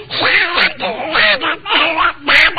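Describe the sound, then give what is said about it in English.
A man does a garbled, quacking Donald Duck voice impression, as Donald Duck impersonating the performer impersonating Donald Duck, reciting the Simple Simon nursery rhyme in rapid runs of squawky syllables in several bursts with brief pauses between, loud. “I'm now going to do Donald Duck impersonating … impersonating Donald Duck.”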